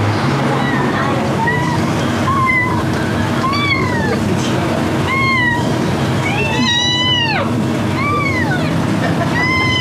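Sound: kitten meowing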